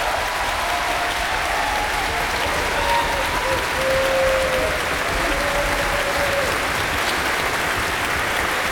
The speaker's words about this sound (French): et qu'on va applaudir bien fort et qui va nous parler tout à l'heure.